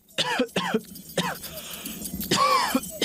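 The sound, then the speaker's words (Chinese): A series of harsh coughs in quick bursts, about four or five separate hacks with short pauses between, ending in a longer, strained cough. “咳嗽超过几周都不好，这可能是肺功能受损了”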